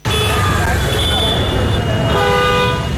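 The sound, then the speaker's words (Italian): Several vehicle horns honk and overlap in long, steady tones of differing pitch, layered over a constant loud rumble of traffic, with a faint murmur of voices underneath, recorded in Dharavi, the large slum of Mumbai, India. “Abbiamo un'ultima clip che è stata registrata in una grande baraccopoli, sentiamo.”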